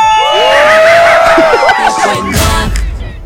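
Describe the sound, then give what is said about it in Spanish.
A loud, drawn-out shout sound effect played on a radio show rises and wavers in pitch for about two seconds, backed by a cheering crowd whose noise carries on briefly after the yell fades. “Adelante con el efecto. ¡Y venga ese grito!”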